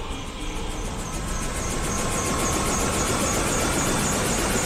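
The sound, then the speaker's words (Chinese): A steady, loud helicopter engine drone as the helicopter crew prepares to lift a 2.7-ton generator, with a continuous low rumble and a rapid rhythmic rotor chop pulsing throughout, unbroken, with no voices. “直升机机组准备，2.7吨发电机起吊。”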